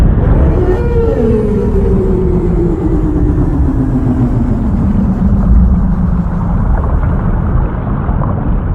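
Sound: whale song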